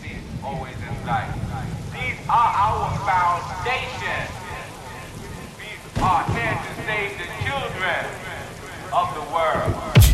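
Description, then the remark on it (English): A steady wash of heavy rain pours down throughout, a dense hiss that never lets up, with voices murmuring and calling over it. “Maximize precipitation, let it pour.”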